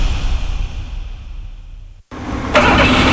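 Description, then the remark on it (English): A Toyota Corolla car engine rumbles and fades, cuts out for a brief moment, then cranks and catches again, roaring up loud. No one speaks. “Our Corolla hasn't been the same since they fitted those spark plugs.”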